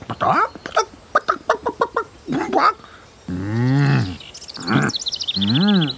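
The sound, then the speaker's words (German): A chicken clucks: a quick run of short, sharp clucks, then a few longer, wavering drawn-out calls, fairly loud and alone. “als ein Huhn versuchte, sie mit einer bunten Fiederboa ein bisschen zu verkleiden.”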